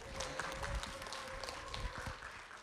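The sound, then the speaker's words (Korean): An audience applauds steadily, welcoming singer and actor Kim Dong-wan: a dense wash of clapping with scattered sharper claps standing out, while a faint steady tone hums underneath. No one speaks. “우리 가수이자 배우이신 김동완 씨를 힘찬 박수로 모시겠습니다.”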